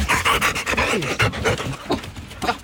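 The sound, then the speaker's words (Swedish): Three dogs pant rapidly, a steady string of quick breathy huffs running throughout, with faint snuffling between breaths and no talking. “Kanske kom den via hennes hund. Men här är ju 3 stycken fästingbussar.”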